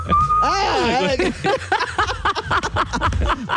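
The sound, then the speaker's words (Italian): A thin, steady whistle, made while breathing in, slides into a wavering, warbling pitch for about a second before people start talking. “Cioè io fischio all'infuori. Tu aspiri. C'è tipo è strana tecnica però.”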